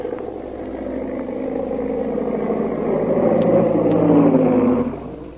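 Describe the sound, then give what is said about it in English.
A big black seaplane's propeller engine drones steadily as it circles for a landing at a plantation, its low, throaty hum swelling louder and shifting in pitch, then dropping away at the end. No voices are heard. “Meanwhile, back at the plantation, a big black seaplane circles for a landing.”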